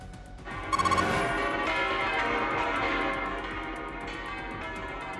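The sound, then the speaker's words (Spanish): Church bells of the Almudena Cathedral and many other churches in Madrid ring out in a dense, overlapping peal at the Pope's arrival, many tones clanging together with a sustained shimmering resonance, loud and continuous with no voices. “Repiques de campanas de la Catedral de la Almudena y otras muchas iglesias de Madrid en el momento de la llegada del Papa, en una ciudad que recibe a cientos de miles de fieles para asistir a los muchísimos actos de estos próximos días.”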